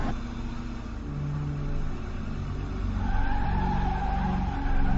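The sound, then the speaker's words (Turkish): A minibus's engine rumbles low and steady, then a rising squeal of brakes or tires comes in partway through as it slows to a stop to let a passenger off, growing slightly louder toward the end. No voices. “Şimdi minibüs duracak ve içinden inecek.”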